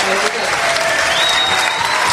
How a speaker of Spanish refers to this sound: gracias a nuestra banda, a nuestro chuchán. Un aplauso.